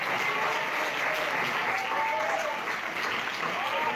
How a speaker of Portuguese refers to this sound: Aleluia, palma para Jesus, amém? Vamos também receber o meu esposo. Vamos receber com as palmas alegres para Jesus.